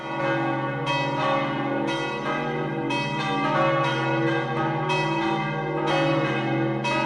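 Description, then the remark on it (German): The bells of the Roman Catholic church of Sachsen in the canton of Obwalden, Switzerland, ring together in a full, continuous peal, their overlapping strikes sounding at a steady rhythm with rich lingering tones. Loud and clear, with no voices. “Das ist das Glockengeläut der römisch-katholischen Kirche von Sachsen im Kanton Obwalden.”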